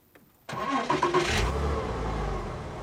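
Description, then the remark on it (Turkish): After a brief quiet moment, the engine of a German-engineered car with a Tiptronic gearbox abruptly cranks and catches, then revs and settles into a loud, steady low rumble as the car drives off, with no one talking. “İşte gidiyoruz, görüyorsun. Söylediğim gibi buradaki şey Alman mühendisliği.”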